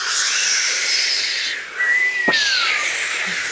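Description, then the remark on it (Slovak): A gale at sea heard aboard a ship: a steady roar of wind with high, thin whistling through it, a brief lull near the middle, then a whining gust that rises and slowly falls. “Sme znova na lodi. More, vichrica.”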